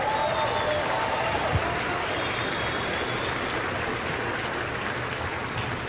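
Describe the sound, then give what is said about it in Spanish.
A crowd claps steadily and loudly as applause to the Lord, a dense, continuous wash of applause that stays level for several seconds with no pauses or talking over it. “Dale un fuerte aplauso al Señor. No, yo dije un fuerte aplauso.”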